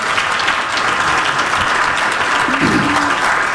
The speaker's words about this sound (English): It's about TE, isn't it? So that's another round of applause.